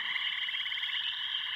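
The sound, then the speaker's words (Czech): Small young frogs, newly grown from tadpoles, croak on the shore in a steady, dense chorus of rapid, buzzing pulses, fairly loud, with no voices and no pause throughout. “Alou na břeh a skákat a kvákat, žabky.”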